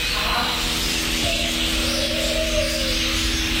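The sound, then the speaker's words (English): A steady wash of many birds chirping and twittering together, a dense, continuous chorus at even volume from the 60 bird species of the Canberra Walk-in Aviary, a 1,000 square metre sanctuary at Gold Creek Village, Nicholls, with no one talking. “Film, feed, or just lose yourself amongst the 60 species of birds and their 1,000 square metres of sanctuary.”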